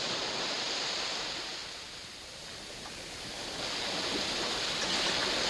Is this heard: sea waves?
yes